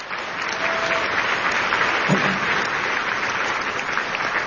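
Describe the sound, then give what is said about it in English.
A crowd breaks into steady applause, a dense, even wash of many hands clapping at once, sustained at a fairly loud level throughout with no voices rising above it. “And I give them a great round of applause for the work they did on that.”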